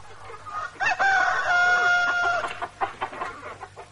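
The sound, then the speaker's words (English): A rooster lets out one loud, drawn-out cock-a-doodle-doo, followed by a few scattered clucks over a low steady background hum. “And who in the world would believe it? That's the third gay rooster this week.”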